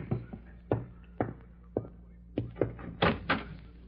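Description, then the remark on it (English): A front door being opened for a sheriff who has come calling: a run of hollow thuds and clunks, then brighter rattling latch sounds near the end, moderately loud, with no voices. “Oh, excuse me, someone's at the door.”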